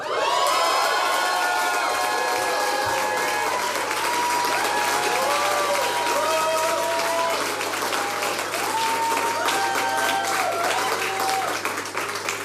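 A crowd applauds loudly and steadily for about twelve seconds, dense clapping mixed with cheers, whoops and excited shouting voices throughout.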